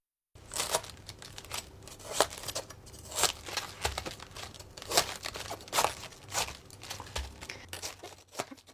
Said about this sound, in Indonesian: Untuk membuang bagian pangkal, balikan kol, gunakan pisau untuk memotong bagian tengahnya yang keras. Ini akan memudahkan melepaskan daun-daunnya nanti.